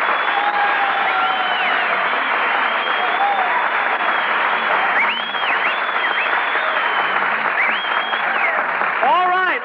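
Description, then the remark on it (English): Loud, steady audience applause welcoming MGM star Marilyn Maxwell as the guest, a dense wash of clapping with scattered whistles and cheers rising and falling over it. “Stop applauding. Who's applauding?”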